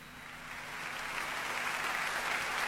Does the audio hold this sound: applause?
yes